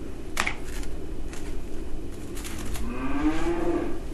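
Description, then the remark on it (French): A cow lets out a single long, low moo near the end, rising slightly in pitch, after a few scattered clicks and knocks against a steady outdoor background hum. “Tu crois qu'elle en a quelque chose à foutre, cette vache?”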